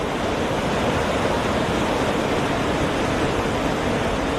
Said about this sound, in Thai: รถม้าพระที่นั่งได้เดินทางมาถึงน้ำตกลาเตฟอร์สซึ่งมีความสูงถึง165เมตรเป็นน้ำตกที่ยังคงได้รับความนิยมจากนักท่องเที่ยวมาจนถึงปัจจุบัน